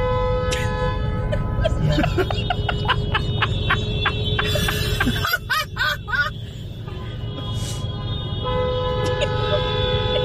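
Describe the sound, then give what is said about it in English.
A car horn blares continuously for the whole stretch as a man lays on it, loud, with its steady tone briefly wavering midway, over a rumbling engine and traffic noise. “What are the chances if we've got two guys just laying on the horn this week?”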